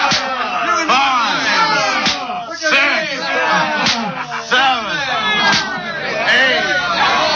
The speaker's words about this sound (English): Who struck even harder as the mob yelled in approval. Rods struck backbones, ribs, and shoulders. Paul and Silas quivered with the painful blows which turned their backs into masses of bleeding and bruised flesh.